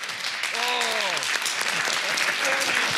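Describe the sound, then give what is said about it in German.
Loud, continuous audience applause welcoming the guest singer fills the whole clip, a dense steady crackle of clapping with cheering voices and a few shouted calls rising over it. “Herzlich willkommen mit einem großen Applaus, ….”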